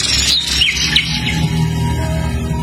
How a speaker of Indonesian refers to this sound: Burung itu biasanya burung-burung yang diceritakan di dalam dongeng. Suara burung itu bagus sekali, Nyi.